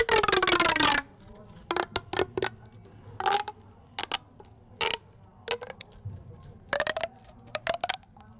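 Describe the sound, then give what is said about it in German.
An object scraped to mimic a frog's croak: one sustained loud rasp, then about a dozen short, sharp ratcheting scrapes at an uneven pace, with no voices. “ich spiele euch etwas vor, was wie ein Frosch klingt.”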